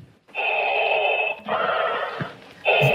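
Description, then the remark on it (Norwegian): Loud, hoarse mechanical breathing from a masked Darth Vader figure on the speakers' list at a San Diego, California city council meeting: long rasping hisses, one inhale and one exhale, then the next breath begins, with a steady whistling edge and no talking. “Her kommer han inn med sin ikoniske pusting.”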